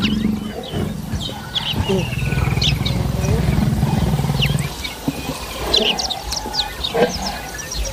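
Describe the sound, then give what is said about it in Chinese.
A pride of lions active by a river gives deep, rumbling roars that rise and fall for several seconds, then stop abruptly, leaving scattered bird chirps and tweets over a low outdoor hum. “姆巴利一路都要小心，因为狮群也在河边活动。”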